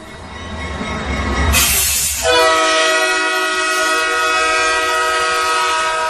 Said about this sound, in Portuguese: Agora o trem está funcionando.